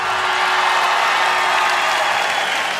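A crowd applauds loudly and steadily, a dense wash of clapping hands that holds an even level from start to finish with no voices standing out, welcoming a guest singer invited for the next song.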